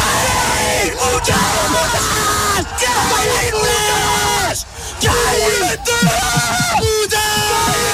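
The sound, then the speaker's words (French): Two excited male French football commentators shout a goal call at the same time, loud, their overlapping yells running nearly nonstop for several seconds with only brief breaks for breath, as Dodu scores to put the team ahead. “Arrêtez de crier au même moment!”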